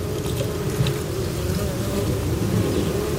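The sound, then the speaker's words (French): A steady, low buzzing hum of tiny wasp wingbeats from small wasps inside tubes that act as resonance boxes, resonant and rumbling, with faint scratchy rubbing textures as the wasps rub on something, running throughout at an even level and no voices. “Pour moi, c'est une de ces petites guêpes qui a un tout petit battement d'ailes, mais... Ouais, qui frotte sur quelque chose.”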